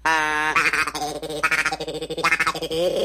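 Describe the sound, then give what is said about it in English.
A duck call being blown, giving loud, reedy, nasal quacks in a quick uneven series, with buzzy honking tones running between the bursts and no one talking. “It's like a duck calls.”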